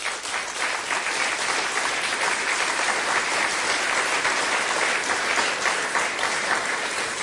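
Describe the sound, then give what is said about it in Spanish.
Sustained applause from a large crowd, a dense, steady wash of clapping that holds at an even, fairly loud level for about seven seconds without pause. “¿El aplausómetro?”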